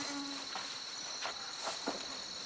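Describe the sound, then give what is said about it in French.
Mosquitoes make a steady, thin whine that hums continuously at low volume, with a few soft crackly rustles cutting in and out; no one speaks. “Arrête les sales moustiques, mes sabords.”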